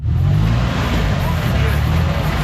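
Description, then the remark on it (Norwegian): Steady city traffic in the centre of Nairobi, Kenya, with the low rumble of car and bus engines, a continuous loud drone of motors filling the street with no pauses. “Det fremleis lyden av motor og lukta av eksos som dominerer I sentrum av Nairobi.”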